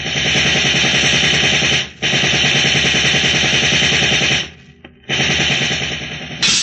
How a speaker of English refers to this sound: Get down low, babe. Those cops are using riot guns.